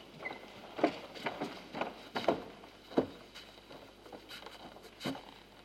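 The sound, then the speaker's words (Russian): Rain patters in a soft, irregular stream of taps, some drops landing louder than others, with no voices over it. “Дождь идет.”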